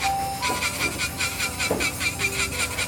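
Quick, steady back-and-forth rasping of a nail file, about four strokes a second, fairly loud, with faint background hum and no talking, in a nail salon in the 13th arrondissement of Paris.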